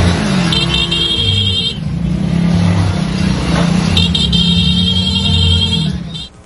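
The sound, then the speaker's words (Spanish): A motorcycle funeral procession rumbles through the streets of northwest Veracruz, Mexico, with engines droning and revving, while sustained horn blasts sound in two long stretches over the steady, loud engine noise. “Lo que ocurrió este jueves en las calles del norponiente de Veracruz no fue solo un cortejo fúnebre, fue una comunidad que se detuvo, que tomó sus motos, que acompañó a un hombre hasta el final del camino.”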